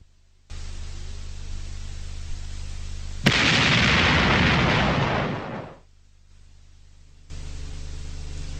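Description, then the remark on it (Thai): A single heavy gunshot from a .458-calibre hunting rifle, fired into the sky near a village, cracks out sharply. It rolls into a long, loud rumbling echo off the trees, rocks and cliffs around the village that fades after a couple of seconds, set against a steady hiss before and after. “กัมปนาตแห่งเสียงปืนล่าสัตว์ขนาดหนักสะเทือนไปทั่วทุกกิ่งไม้ของต้นไม้และแก่งแง่โขดหินรอบด้านมันซ่าสะท้านก้องกลับไปมาเพราะคลื่นเสียงคงจะลอยไปกระทบโขดเขาหน้าผาที่อยู่ไม่ห่างจากหมู่บ้านออกไปนักกลบเสียงเห่าหอนประหลาดนั้นหมดสิ้น”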